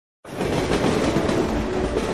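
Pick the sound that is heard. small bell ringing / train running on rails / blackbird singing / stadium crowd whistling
train running on rails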